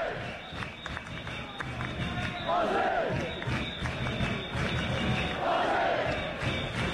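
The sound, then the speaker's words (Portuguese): A large crowd of football fans chants together in a loud, continuous roar, shouting "Australia", with the massed voices swelling into rising, drawn-out shouts twice over the steady din. “Agora eles estão gritando Austrália.”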